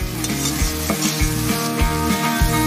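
Sauce for Qingyise Sichuan pepper fish slices sizzles steadily in a hot wok, a constant bright hiss broken by regular thumping stirs about three times a second. No one speaks.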